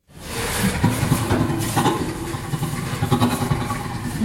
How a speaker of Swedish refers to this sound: Ja, så här låter en av 140 ljudfiler som forskare har analyserat. Det rör sig alltså om inspelningar med skratt från 4 orangutanger, 2 gorillor, 3 bonobo-apor, 4 schimpanser och så 4 människor mellan 6 månader och 7 år gamla.